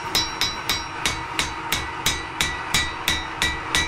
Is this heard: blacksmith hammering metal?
yes